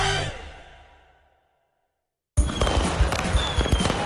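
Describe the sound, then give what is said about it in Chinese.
At a National Day fireworks display at Victoria Harbour, a loud firework boom rings out and fades into silence. Then a dense burst of crackling, popping fireworks bursts in and keeps going, with no voices. “国庆烟花汇演将于10月1号晚上8点在维多利亚港举行。”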